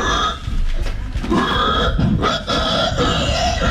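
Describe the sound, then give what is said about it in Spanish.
A person imitates a pig with a rapid run of loud, guttural grunts and snorty oinks, nearly continuous for a few seconds, with no other talking. “No, de gente que hace ruido de animales, es re divertido. Pero así hacen los chanchos.”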